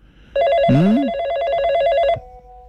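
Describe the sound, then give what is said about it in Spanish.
A telephone rings for an incoming call with a rapid, trilling electronic bell tone lasting under two seconds, loud, with a brief low voice-like sweep near the start and no speech. “Vamos con la llamada, sí, tenemos llamada.”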